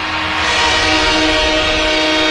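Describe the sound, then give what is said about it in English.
A loud train horn blares steadily for the full stretch, its sustained tones riding over a dense rumble of rail noise, unbroken, with no one talking. “A-Train motivated by that train noise, maybe.”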